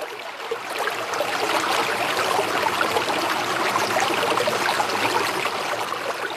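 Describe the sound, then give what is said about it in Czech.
Steady rushing and trickling of flowing river water, continuous, swelling slightly after the first moment and holding level throughout, with no voices, as a boat sets off onto the open river after a rope is thrown from the bank. “Děti, držte se, házím koňadru od břehu, tedy lano, a vyrážíme na otevřenou řeku.”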